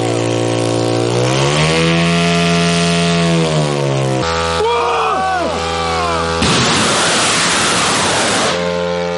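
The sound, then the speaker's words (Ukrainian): Propellers of medium-range strike drones spin up at launch by soldiers with a loud, buzzing engine whine whose pitch climbs and holds over several seconds, then give way to warbling chirps and a broad, rushing roar. “Комбат вітає бійців з успішним запуском. Всі борти злетіли штатно.”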